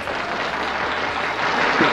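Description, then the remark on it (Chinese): A dense, steady wash of applause with crowd cheering mixed in, given as the highest welcome on the 929 Tongcheng Zhuanzhuan show for the head of the Xinjiang Red Star crosstalk club, loud and continuous for the full two seconds and swelling slightly toward the end. “接下来我们准备好929同城转转节目的最高礼仪，掌声欢呼声，有请出新疆红星相声社的负责人”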